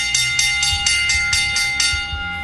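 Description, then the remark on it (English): A bell rings rapidly and steadily to mark the bell lap near the end of a show, about eight quick strikes in a couple of seconds, each clang overlapping a sustained metallic ring. It's loud, with no talking. “Once again, you got to know what time it is as we get towards the end of this show. It's the bell lap.”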